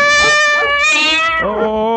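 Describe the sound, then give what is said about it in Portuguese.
Cats meow loudly and insistently for food while someone handles cooking pans, a long drawn-out wail that shifts pitch partway through as another cry takes over, with no talking. “dá um negócio pra esses gatos aí, que senão não para de miar, não, hein?”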